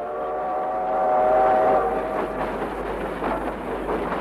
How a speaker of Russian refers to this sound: Протяжный гудок поезда заставил всех замолчать.